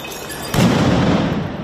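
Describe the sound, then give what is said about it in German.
A sharp firecracker bang cuts through a dense wash of outdoor street noise at a street protest where smoke bombs are being thrown, followed by a sustained loud, rumbling din of crowd commotion. “Es fliegen Rauchbomben, es knallen Böller.”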